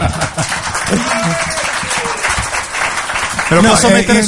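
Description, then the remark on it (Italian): An audience applauds with a dense, steady patter of many hands clapping, loud throughout the few seconds, while voices talk over it. “Dai, detto da Eugenio Finardi, un applauso, dai.”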